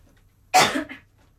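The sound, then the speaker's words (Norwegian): A single harsh cough bursts out, trailing into a second, weaker rasp before silence returns; no one speaks. “Ja, du må bare hoste deg ferdig, da.”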